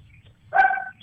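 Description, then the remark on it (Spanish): A single short dog bark, a bright yelping burst of about half a second, loud over a low, steady background rumble. “El perro. El perro. El perro.”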